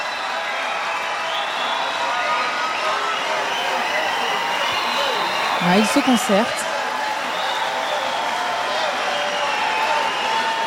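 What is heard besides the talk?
concert audience cheering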